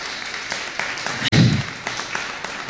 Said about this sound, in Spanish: Gracias, Señor. Le pido un aplauso para el Señor. El Señor es el que hace la obra.